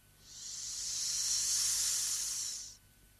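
A steady, airy hiss of hot steam escaping from a small chest as its lid is lifted swells up over about half a second, holds strong for two seconds, then cuts off fairly abruptly, with no voices.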